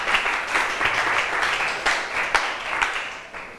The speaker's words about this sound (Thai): ต่อมาขอเชิญตัวแทนของกลุ่มที่3ได้เลยปรบมือให้เพื่อนหน่อยค่ะ